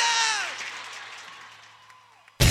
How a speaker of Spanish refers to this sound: ¡Aplauso